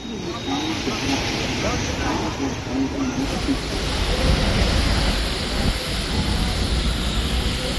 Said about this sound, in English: Continuous rainfall in Madhya Pradesh has caused the water level of the Shipra River to rise, partially submerging several temples near Ujjain's famous Ram Ghat riverfront.